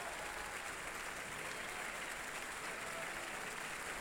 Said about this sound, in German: Verbeugt sich mit seinem Team. Ist doch ein schöner, heftiger Beifall für ihn, soweit ich das hier hören kann.